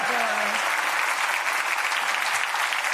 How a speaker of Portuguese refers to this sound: Vamos aplaudir nossas convidadas.